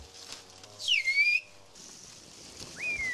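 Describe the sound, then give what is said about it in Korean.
Loud, piercing whistled tones of a whistled language, by a whistling master of Kuşköy blowing without using his hands, slide and glide in pitch, with a long swooping phrase followed by a pause and a shorter rising whistle, like speech carried in whistles. “이분이 지금 쿠시쿄의 휘파람 고수라는데요.”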